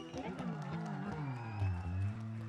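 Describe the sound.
A concert crowd cheers and applauds the performer's dancers on stage beneath a loud, sustained voice calling out over a microphone, the noisy roar of the audience holding at an even level throughout.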